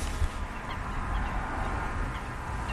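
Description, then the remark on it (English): A busy chorus of ducks and geese calling across open water at a pool packed with birds, a steady layered murmur of honks and quacks, with no clear single bird standing out. “This is packed with birds.”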